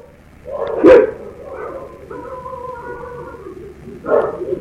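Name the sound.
agitated dogs barking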